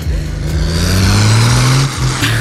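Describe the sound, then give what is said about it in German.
A loud diesel tractor engine revs steadily with a deep, rising drone and strong low rumble, held under load for a couple of seconds with no talking, as it drives over a dusty track and thick smoke pours from its exhaust. “Ich weiß nicht, ob man überhaupt was hört, aber der Staub spritzt, es riecht nach Diesel und oben aus dem Auspuff kommt sehr, sehr viel Rauch.”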